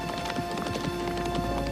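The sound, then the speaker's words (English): Horses being taken away gallop in a quick, steady clip-clop of hooves, the beats overlapping in a rapid rhythm over a faint constant hum, with no voices. “Oh no, he's taking the horses.”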